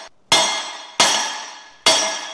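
Three loud, evenly spaced strikes of a metal hammer on thick tempered glass at a tempered glass production line, each a sharp, bright crack followed by a lingering glassy ring, with no voices; the glass stays intact.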